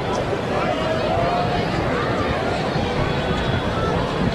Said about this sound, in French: Quand même une bonne foule. On sait, on a une grande, un grand rassemblement pour la fierté, là, aux fourches aujourd'hui. Donc, il y a beaucoup de trafic de piétons dans les environs.